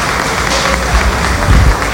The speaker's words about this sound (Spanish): Muchas gracias, gobernador. Un aplauso. Un aplauso.